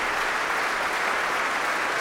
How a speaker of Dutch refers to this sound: Groot applaus ook van de muzici van het Concertgebouworkest voor haar.